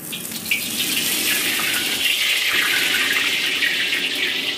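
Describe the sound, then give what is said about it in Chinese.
Steady running water pours from a tap, a continuous hiss and splash as blanched beef tripe is rinsed beneath it, with no voices. “焯水洗净，牛肚崩变得卷曲富有弹性，呈现出乳白如玉的色泽。”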